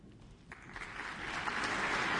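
New Zealand Symphony Orchestra concert audience applause for the soprano and conductor builds from a quiet patter into a steady, dense wash of clapping that grows louder over a couple of seconds, with no voices on top.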